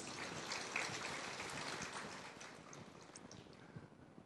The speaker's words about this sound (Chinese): 再一次谢谢杨讲师所发表的案例，鼓掌。